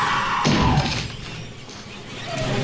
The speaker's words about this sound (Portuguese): vamos ouvir Shelley Duvall, enquanto a sua porta da casa de banho é cortada à machadada por Jack Nicholson em Shining.